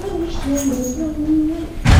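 A door creaks open with a long, wavering squeak, then shuts with a loud thump at the very end.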